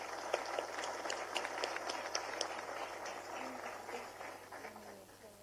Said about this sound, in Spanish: para quienes solicitamos nuevamente un fuerte aplauso.